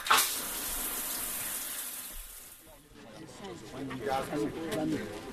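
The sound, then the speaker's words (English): Water runs in a steady, loud hiss, like a shower spraying, for a couple of seconds, then thins out as muffled voices rise over the fading spray. “I better get out my feet and in the shower.”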